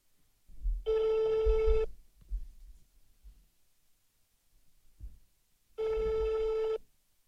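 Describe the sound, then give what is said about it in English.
A telephone line rings twice as a radio station calls a listener, each burst a steady harmonic tone lasting about a second, separated by a long pause with faint rustling and low thumps in between. “Okay, phone number they ring.”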